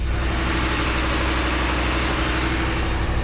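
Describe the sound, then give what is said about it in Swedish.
Loud, steady roar of a ship's engine-room machinery running continuously, with a deep low rumble, a rhythmic mechanical throb, and a thin high-pitched whine riding above it; no voices. “Her maskinrommet, og her larmer så mye”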